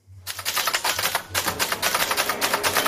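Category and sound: machine, typewriter typing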